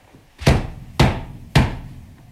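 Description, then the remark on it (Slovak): Three heavy, evenly spaced bangs on the wooden door of a house, each a loud thud with a brief ringing decay, like pounding with a fist. No voices are heard. “Ty si mocný. Zabúchaj na dvere.”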